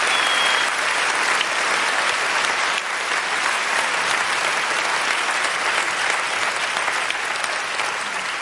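Sustained, dense applause from a large audience at the Saarländisches Staatstheater for the Saarländisches Staatsorchester under Wolfgang Emanuel Schmidt, at the event "Liebesgrüße aus Hollywood": a steady wash of many hands clapping at once for several seconds, loud, with no talking over it.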